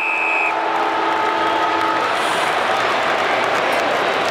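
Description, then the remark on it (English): An end-of-quarter siren at a football ground sounds at halftime in a Hawthorn match, just as Christian Petrarca marks at centre half forward; it blares for about two seconds, its tones held then cut off, over a loud, continuous roar of the crowd that carries on afterward. “Literally on the siren.”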